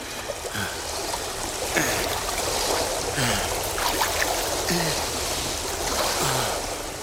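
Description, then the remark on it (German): Steady flowing river water babbles and gurgles, with periodic splashy strokes of a paddle recurring about every second or so as a boat drifts downstream. “So setzte ich meine Reise weitaus bequemer stromabwärts über das Wasser fort.”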